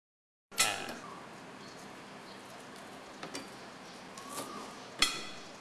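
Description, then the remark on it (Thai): A knife thinly slices peeled home lemongrass on a cutting board, giving a few sharp, irregular taps and knocks over a steady low hiss. Nobody speaks. “แล้วเราก็ซอยบางๆนะครับ”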